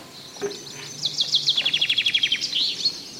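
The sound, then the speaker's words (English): Outdoor forest glade ambience on a woodland walk, with a bird singing a rapid run of high, repeated chirping notes followed by a few sharper calls, over a soft background hush. “This is the Forest Glade Walk.”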